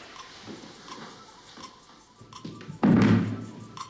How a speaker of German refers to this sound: Stuhl nach hinten kippen.